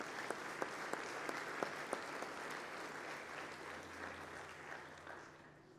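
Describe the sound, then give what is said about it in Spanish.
A church audience claps steadily to celebrate a girl's 15th birthday, a dense wash of many hands, with a few sharper claps standing out early on, then tapering slightly toward the end. Nobody speaks over it. “Un aplauso para ella.”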